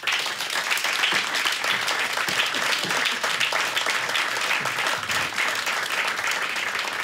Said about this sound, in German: Bitte Applaus für Oliver Alexi.